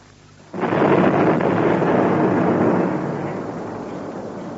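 A hand grenade explosion in the Prince Salim sewer bursts in abruptly after a brief quiet moment, a loud, broad roar that holds for a few seconds before slowly fading into a rumbling tail. No voices are heard.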